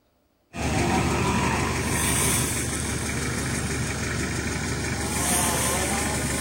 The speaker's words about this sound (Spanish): Ahí viene un auto, ahí ya donde está Jorge Mayer, acaba de pasar uno de los primeros autos